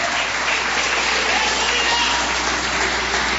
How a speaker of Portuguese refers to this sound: Jesus, se assenta, desocupa as mãos e glorifica Jesus com palmas e glória a Deus.